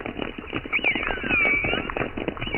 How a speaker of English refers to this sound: Blue whales, fin whales, minke whales. Yes, minke whales sound like plucked strings.